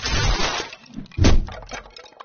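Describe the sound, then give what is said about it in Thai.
A hard bael fruit drops from its tree onto the dry palm-leaf roof of a rabbit's nest with a loud, crackling thump, after a softer rustle, then brittle leaves keep crinkling and settling. “ยังไม่ทันที่ความคิดจะจางหายไปจู่ๆผลมะตูมลูกหนึ่งก็หล่นจากต้นตกใส่บนหลังคาใบตาลอันเป็นรังของเจ้ากระต่าย”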